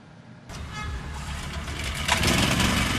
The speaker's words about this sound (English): Generators now provide the soundtrack to daily life on Aden's streets.